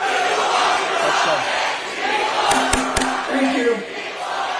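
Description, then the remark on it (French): A crowd of protesters in New Jersey chants the slogan "People Over Profit" together, a loud, steady roar of many voices throughout, with a couple of sharp knocks partway through. “On les entend crier People Over Profit dans le New Jersey.”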